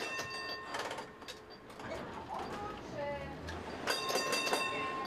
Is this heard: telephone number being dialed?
no